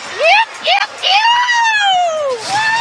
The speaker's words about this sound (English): you will run into a fan that might sound as loud as the cars, but it seems like more of a screeching sound